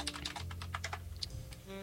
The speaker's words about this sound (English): I think you can hear me typing. That's funny.